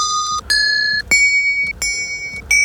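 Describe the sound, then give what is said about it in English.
Four found bells, recorded and loaded into a sampler, played one after another, each struck note ringing with a bright metallic shimmer before the next, stepping between several different pitches with no voices. “I've loaded all these bell sounds into a sampler. 1, 2, 3, 4. All four found bells, now stored musically as a...”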